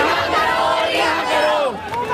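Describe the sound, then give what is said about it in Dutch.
A crowd of many protesters in India, marching towards the Supreme Court, shouting and chanting slogans such as 'Long live Rahul Gandhi' together in a loud, dense roar, with overlapping rising and falling cries and steady background hubbub throughout. “Lang leven Rahul Gandhi, roepen ze hier.”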